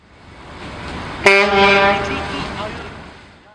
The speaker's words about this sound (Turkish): Duydunuz mu? Vapur düdüğünü çaldı. Adalara doğru demir alıyoruz.